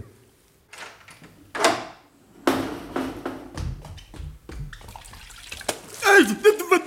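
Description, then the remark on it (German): A door is eased open quietly, followed by intermittent sloshing and dripping as a sponge is dipped and squeezed in water from a water jug, with soft rustling movements in between. “Also wenn Sie jetzt so gut wären, die Türe ganz leise zu öffnen, um mich, ohne dass er aufwacht, mit diesem Schwamm hier an seinen Wasserkrug zu lassen.”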